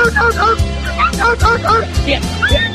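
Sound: dog barking and yipping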